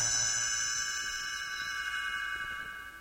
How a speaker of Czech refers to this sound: Můžete ho číst společně se mnou ve své knížce. Stránku obraťte až tehdy, když zazní tento zvoneček.